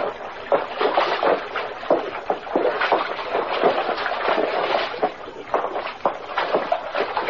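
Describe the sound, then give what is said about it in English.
Steady sloshing and splashing of water, with repeated rhythmic surges of feet wading down a rocky creek where the water is getting deeper, fairly loud throughout with no talking. “Water's getting a little deeper along here.”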